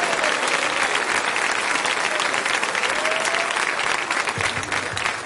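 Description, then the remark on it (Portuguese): A church audience applauds for Jesus steadily, a dense wash of many hands clapping at a constant loud level, with faint voices and a few cheers mixed in. “Palmas e palmas para Jesus.”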